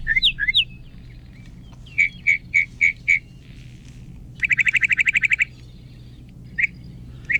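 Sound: sparrow song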